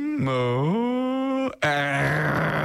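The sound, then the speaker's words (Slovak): A person imitates a lion's growl with two drawn-out, rumbling vocal roars split by a brief pause, loud, the second one rougher and more gravelly than the first. “Rozmýšľal som, že čo je to R, lebo tam je napísané R, ale to je asi jeho zvuk.”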